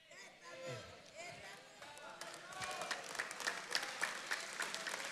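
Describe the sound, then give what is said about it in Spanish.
A church audience breaks into applause for its pastor, scattered claps building into a dense, steady wash of clapping, with voices murmuring underneath throughout. “¿Usted a quién está aplaudiendo?”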